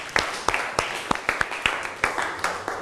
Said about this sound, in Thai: ขอเสียงปรบมือให้กับสื่อวิทัศน์หน่อยค่ะ